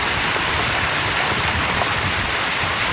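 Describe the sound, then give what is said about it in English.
A steady, loud rush of floodwater pouring over a road, washing out parts of Highway 7 near Stonewall after 255 millimeters of torrential overnight rain, churning continuously like a strong torrent, with no breaks and no voices. “Water pouring over roads, washing out and closing parts of Highway 7.”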